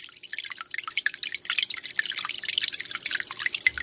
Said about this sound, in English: Fountain. In the middle of the living room shelving is a fountain creating the sound of gently running water. This fountain symbolizes the fountain that was in the backyard of Diane and Ray McGeorge.